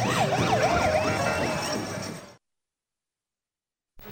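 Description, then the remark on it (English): Wailing parade sirens signaling the approach of a parade balloon rise and fall in a steady, rapid warble over a loud rumble of traffic and crowd noise, then cut off abruptly into silence before sound returns briefly at the end. “And those sirens that you're hearing, they're making this parade. They're signaling the approach of the balloon.”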